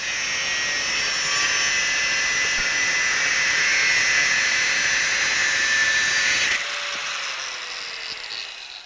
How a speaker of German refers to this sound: Mit der Flex erledigt er die Vorarbeiten.